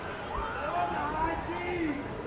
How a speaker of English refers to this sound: Jacksonville's mascot is on the third base dugout, engaging with the crowd. That's the roar you're hearing.